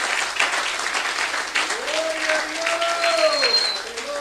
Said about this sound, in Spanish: Un aplauso a Cristo en esta bendita noche, aleluya. ¡Oh, gloria a Dios! Déselo fuerte al Señor.